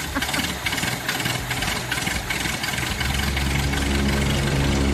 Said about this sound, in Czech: protože nám zařídil moderní luxusní klimatizaci, takže si myslím, že je na čase si ji pustit. Tak, a to chvíli trvá, ale pak to bude dobrý.